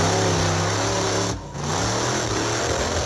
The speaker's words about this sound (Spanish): El vehículo está haciendo la pirueta, en ese momento se escucha el motor siempre acelerado y comienza la tragedia.